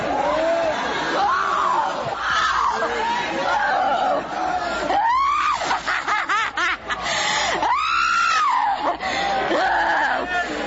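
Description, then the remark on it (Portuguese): Loud, drawn-out screams rise and fall amid a noisy crowd during an exorcism, with anguished yelling surging in long bursts over constant chatter and shouting. “Vai gritando pra Jesus queimar ele.”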